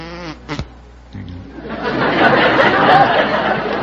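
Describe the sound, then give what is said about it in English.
A person briefly speaks, then imitates a bumblebee with a low, steady vocal drone that swells into a loud, dense, rough buzzing lasting a couple of seconds. “Can you imitate a bee? A bee? Yes, I can do a bumblebee.”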